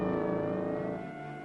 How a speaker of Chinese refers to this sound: 冷冷清清的大街上，不时有警车和摩托车驶过。宁静的夜晚，车子的轰鸣声显得格外尖锐。